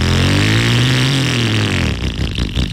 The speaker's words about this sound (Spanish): Es más, apaga esa moto. Porque te vas a ganar esta. Ya esa vieja, bótala.